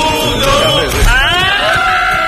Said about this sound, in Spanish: Ese grito final es un, no llega a ser un irrinchi, es una cosa rara.